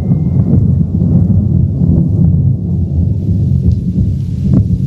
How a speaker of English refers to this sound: Now it does look like rain, and that's thunder we hear.